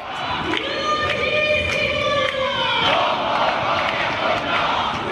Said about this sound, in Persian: قسم به خون یاران ایستاده ایم تا پایان، این شعاریه که امروز اینجا بارها سر دادن. شعارهایی رو که اینجا فریاد میزنن شعارهاییه که مردم ایران برای آزادی خواهی فریاد زدن. بارها تکرار کردن که این خیابانها رو رها نمی کنن تا مردم ایران به آزادی برسن.